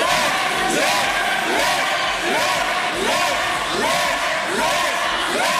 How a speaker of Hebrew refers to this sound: דקות לאחר מכן קיבל נתניהו שיחת טלפון ועזב את האולם תוך שחברי האופוזיציה קוראים לעברו לך, כך זה נשמע.